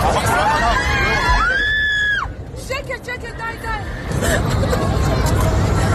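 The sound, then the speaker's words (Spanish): Passengers on an airplane flying from the United Arab Emirates to Israel scream in panic after the co-pilot stabbed the pilot and tried to crash the plane, which had 174 passengers aboard. A loud, chaotic crowd of voices with a sustained high-pitched scream and several shrieks and shouts breaking through the babble. “Son los gritos del pasaje de un avión que volaba ayer de los Emiratos Árabes a Israel y en el que el segundo piloto apuñaló al primero e intentó sin éxito estrellar el avión con 174 pasajeros a bordo, la mayoría israelíes.”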